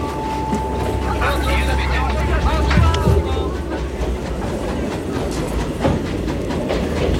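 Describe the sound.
A train to Lyon rolls steadily along the rails, a loud continuous low rumble with faint rhythmic clatter. A thin steady whine runs through the opening seconds, and indistinct voices murmur underneath.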